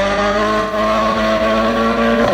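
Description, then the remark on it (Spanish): Sami Pajari's rally car engine roars loudly and steadily at high revs on a World Rally Championship stage, its strong droning tone holding constant with slight pitch shifts, with no voices present. “Ese es el auto de Sami Pajari que ya está en disputa, de hecho va más rápido que en los primeros, en este se está recuperando.”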